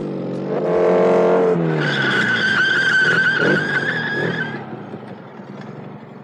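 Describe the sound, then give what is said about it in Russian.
A motorcycle engine revs up, then tires let out a long, shrill screech as it skids to a stop on arriving in Altkirch, and the noise fades into a low idle. “Мы тогда тоже на мотоцикле ехали. И теперь под самый конец.”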